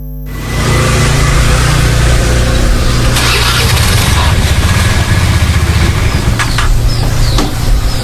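A motorcycle engine runs loud, its low rumble swelling and revving unevenly throughout with no speech over it.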